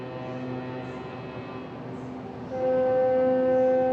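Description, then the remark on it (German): Several small boats' horns sound at once in long, overlapping sustained blasts over a low engine rumble as the cruise ship AIDAdiva casts off in a port city, with a louder horn joining partway through and holding to the end. “Eigentlich ein lautloses Manöver. Wären da nicht die anderen hupenden Schiffchen drumherum?”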